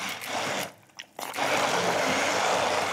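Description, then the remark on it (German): An immersion blender whirs loudly, puréeing bell peppers with olive oil and sherry vinegar. It cuts out briefly before roaring back and running steadily, with a thick, gritty churning texture throughout. “Und jetzt kannst du gerne schon einmal pürieren.”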